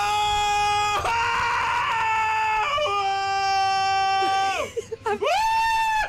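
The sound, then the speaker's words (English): A person imitates how they would sound screaming on their favourite thrill ride, with long, loud, sustained high-pitched wails that waver and swoop downward, breaking off briefly before a final rising-and-falling shriek. “I was pretending I was on a ride.”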